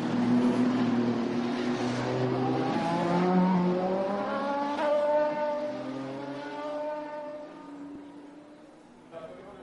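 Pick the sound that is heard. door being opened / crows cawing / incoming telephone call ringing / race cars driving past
race cars driving past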